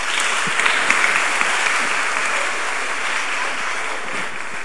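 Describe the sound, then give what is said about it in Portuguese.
A crowd applauds steadily, a dense wash of many hands clapping at once, fairly loud and sustained throughout with no pauses. “No futuro, uma salva de palmas para ele.”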